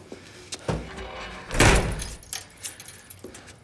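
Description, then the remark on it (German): Keys jangle and rattle as a door is unlocked, then the door swings shut with a solid thud midway, followed by a few lighter metallic clicks and knocks. No one speaks. “Tür zu! Schnell!”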